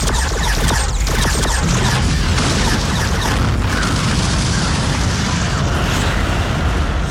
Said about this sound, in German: Mit einer ruckartigen Bewegung drehte sich die Eric um die eigenen Achse und brach dann mit einem erstaunlichen Tempo nach unten aus. Gleichzeitig eröffnete Hubert das Feuer.